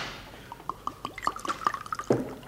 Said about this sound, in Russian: На рюмку налей, пожалуйста, воды из графина. Лучше в чашку. Да? Да, удобнее пить.